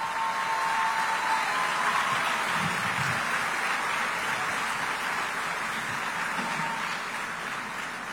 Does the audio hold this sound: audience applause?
yes